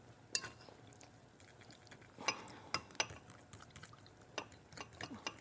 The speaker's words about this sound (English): I think that's a little too much work, so we're just gonna whisk this up. I'm gonna start with a fork.